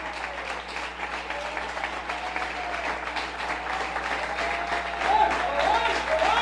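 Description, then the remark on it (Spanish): A church audience applauds loudly in honour of a reverend, a dense, continuous wash of clapping from many hands that holds steady for several seconds and swells even louder toward the end. “Si se lo va a dar, déselo fuerte.”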